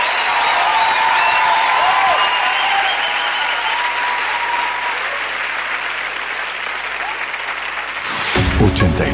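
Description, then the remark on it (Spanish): A large crowd applauds steadily and loudly for several seconds, a dense wash of clapping with a few faint cheers mixed in, before it cuts off abruptly near the end. “Ese aplauso para”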